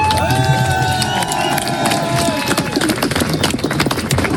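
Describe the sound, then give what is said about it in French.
A dense crowd cheers and claps continuously on 31 January, welcoming the winner returning to Concarneau with the Vendée Globe trophy after breaking the round-the-world sailing record: a loud, steady roar of voices with scattered whistles and a few sustained horn-like tones rising over the noise. “Ce 31 janvier, une foule compacte attend le vainqueur qui vient de pulvériser le record du Tour du Monde à la voile.”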